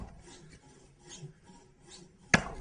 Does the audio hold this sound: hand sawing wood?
yes